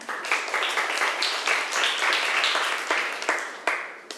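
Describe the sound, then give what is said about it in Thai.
A group of classmates in a class claps together for a fellow student, a dense, steady burst of many hands slapping for about four seconds, fairly loud with no voices over it. “เพื่อนๆคะปรบมือให้เพื่อนหน่อยค่ะ”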